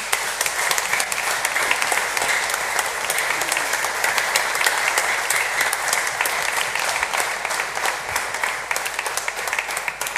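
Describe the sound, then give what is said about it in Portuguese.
A large audience breaks into sustained, dense applause of gratitude for Padre Pedro, many hands clapping at once in a steady loud roar that holds evenly for about ten seconds, with no voices standing out. “um excelente trabalho que o Padre Pedro está a fazer e que certamente continuará a fazer com o mesmo empenho, com a mesma dedicação, e portanto a nossa gratidão ao Padre Pedro com uma grande salva de palmas.”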